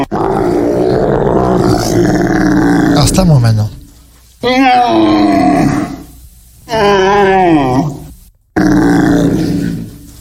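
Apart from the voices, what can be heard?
roe deer calling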